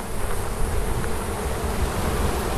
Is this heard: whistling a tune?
no